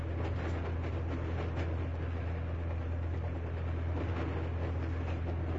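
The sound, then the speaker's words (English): A first-generation diesel locomotive engine, recorded with a microphone 12 inches from the engine, drones steadily and loudly for the whole stretch, a heavy low rumble with a rough mechanical rattle over it and no pauses or voices. “They put the microphone 12 inches away from the engine to capture these sounds.”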